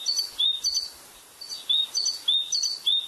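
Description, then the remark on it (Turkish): A great tit, recorded in Bursa, sings a repeated, bright two-note phrase, high and clear, in several quick bursts across a few seconds with brief pauses between, moderately loud against a quiet outdoor background. “Büyük baştan karıyı … Bursa'da kaydettiler.”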